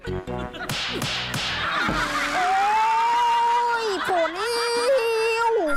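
A few sharp slaps across the face crack in quick succession at the start, followed by a loud, drawn-out wailing cry that carries through to the end.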